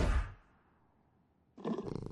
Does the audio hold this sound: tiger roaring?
yes